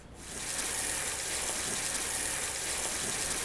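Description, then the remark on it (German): A steady, hissing rush of water spraying from a hose held and swung by a person, starting almost immediately and continuing at a constant level, broad, with no talking. “Stell doch auf den Boden, genau, und ich halte mal schwungvoll den Wasserstrahl.”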